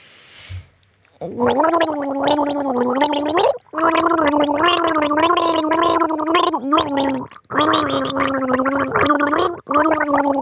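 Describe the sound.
A person gargles a tune, the bubbling water carrying a clear melody in long sustained phrases with brief pauses between them, pitch rising and falling steadily.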